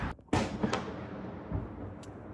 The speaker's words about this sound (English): This is Kyiv right now. While I was filming, I just heard sounds of air defense working right now. Yeah, I think you can hear this.